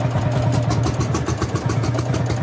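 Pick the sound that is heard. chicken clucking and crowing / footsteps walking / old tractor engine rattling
old tractor engine rattling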